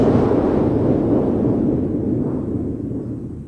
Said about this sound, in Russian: Вы не могли бы мне объяснить, что это за странные звуки? Ах, доктор, это пушки. Пушки? Пушки. А стреляют они, потому что оружейник Просперо повел сегодня народ, чтобы взять штурмом дворец трех толстяков.